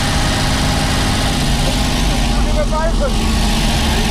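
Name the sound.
old car engine running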